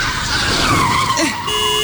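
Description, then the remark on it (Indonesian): A car brakes hard, its tires letting out a loud, sustained skidding squeal that bends in pitch for about a second and a half before cutting off into a steady tonal hum. “Dibilang rem, bukan gas. Fokus dong.”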